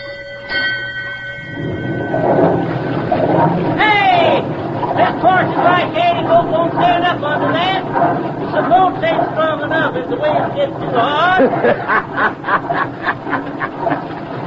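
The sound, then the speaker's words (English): A paddle wheel steamboat churns water in a loud, steady rush as its paddle wheel is turned up hard, with rhythmic thumping building toward the end. A brief whistle-like tone opens it, and voices call out over the noise. “Signal the engine room to turn up the paddle wheel hard.”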